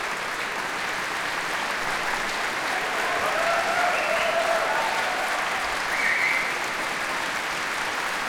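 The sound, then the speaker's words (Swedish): Sustained applause from a large audience in the Berwaldhallen concert hall, broadcast live on P2, as the whole orchestra, the radio choir and the soloists stand on stage to receive it; a dense steady wash of clapping at even loudness throughout, with a few faint whistles or cheers rising briefly above it. “Hela orkestern och ensemblen, radiokören och solisterna som nu kommer in på scen också står upp och tar emot applåderna i en väldigt månghövdad Berwaldhall här ikväll.”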